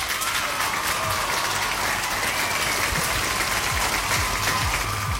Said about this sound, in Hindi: But anyway thank you so much, आप लोगों ने बहुत ही बढ़िया तरीके से जो है आंसर किया, तो यहाँ पे बजेंगी तालियां।